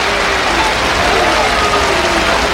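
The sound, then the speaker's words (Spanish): A bullring crowd roars in ovation for bullfighter Isaac Fonseca as he throws down the muleta, dense clapping and cheering forming a steady, loud wash of noise that holds for the whole stretch, with scattered voices calling out inside it. “Tira la montera, perdón, la muleta, y se lleva la ovación.”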